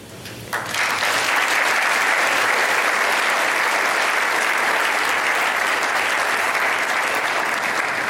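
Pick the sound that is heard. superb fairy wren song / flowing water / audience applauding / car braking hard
audience applauding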